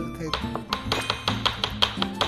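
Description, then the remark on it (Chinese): A knife is raised and dropped to pound chicken breast meat into a filling on a cutting board in a steady series of about ten sharp thuds, roughly four per second, with a low murmur of talk underneath. “其实我手腕也没怎么用劲儿，只不过把刀抬高往下砸的时候，它这个力量自然就有了。 你们听到那个声音吗？”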